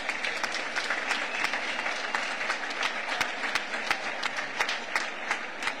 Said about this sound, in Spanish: Mi reconocimiento y gratitud a todas las personas que luchan por avanzar en el camino de la igualdad. Un aplauso para todas ellas.